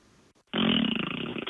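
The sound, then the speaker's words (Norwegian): A loud, buzzing raspberry made with the mouth into a crack to mimic a fart, lasting about a second with a rapid fluttering pulse, alone after a brief quiet moment. “Jeg lagde en sånn der liksom prompelyd liksom over”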